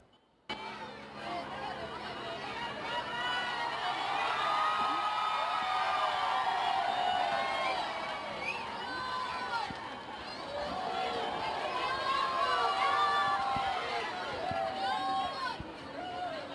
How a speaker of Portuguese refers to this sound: Há sempre muitos gritos de Viva o Papa e também muitas palmas, e este é sempre também um momento de muita confusão.